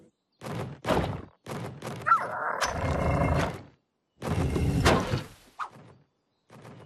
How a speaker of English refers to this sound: Hey, that's like a door. A pretty heavy door. It wants to bring pine cones in there, but the door won't stay open.